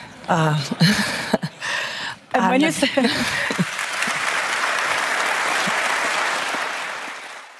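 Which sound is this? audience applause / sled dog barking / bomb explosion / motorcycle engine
audience applause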